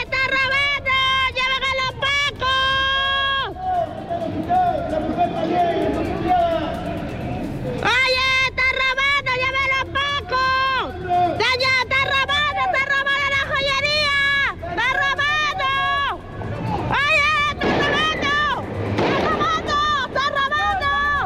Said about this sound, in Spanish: Claro, ahí se escuchan al menos dos disparos de parte de carabineros, quienes disparan, ¿cierto?, para poder repeler este asalto, para poder también evitar este robo y evitar la huida de estas personas